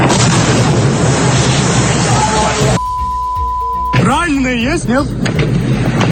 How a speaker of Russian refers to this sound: Очень много выстрелов и хлопков. Слышите, да? О, Господи. Это ужас какой-то.